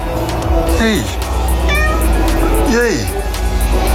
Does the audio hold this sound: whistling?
no